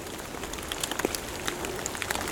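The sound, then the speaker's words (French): Scattered droplets patter steadily on surfaces, an irregular light dripping like a gentle rain with brief sharper taps, from a light dusting of snow melting off fir branches in a quiet forest; it is not raining. “C'est juste la fonte du saupoudrage de neige qui s'est déposé sur les ramures des sapins.”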